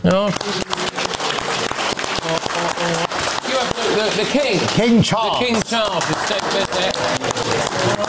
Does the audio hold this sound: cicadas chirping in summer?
no